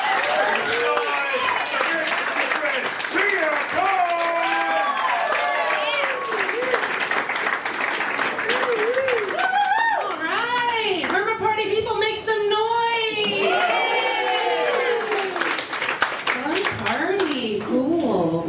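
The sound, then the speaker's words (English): An audience claps steadily for the whole stretch while many voices whoop and shout over the applause, the crowd noise staying loud throughout. “With me going right now, start clapping.”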